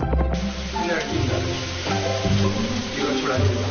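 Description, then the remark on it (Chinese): Eel head and tail bones stir-fry in a wok until fragrant, with a steady hiss and crackle that runs throughout, layered under tonal background music and a voice. “鳝鱼的其他部位也不会浪费，鳝鱼头尾骨煸出香味，往锅中加水炖出一锅奶白色的鲜汤备用。”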